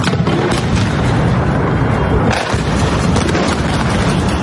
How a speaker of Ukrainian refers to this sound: Минуло трохи більше тижня після попередньої масованої атаки росіян по Києву, як у столиці знову лунають вибухи.